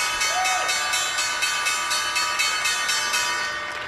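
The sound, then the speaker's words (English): The opening bell on Wall Street signalling the start of trading: a loud electric bell rings steadily for about four seconds, its bright, metallic clang pulsing in a rapid, even rhythm without pause, with no one talking over it. “Right, we are about a second or two away from the opening bell on Wall Street.”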